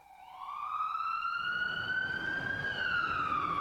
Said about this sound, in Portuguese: A sirene ilustra sonoramente a urgência exigida nas vias da cidade.